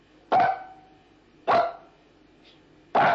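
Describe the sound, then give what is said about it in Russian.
A trained dog barks three times, loud, counting how many dogs there are, each sharp bark separated by a pause of just over a second, with no talking in between. “Ну-ка, паштет, иди сюда. Посчитай, сколько у нас собачек?”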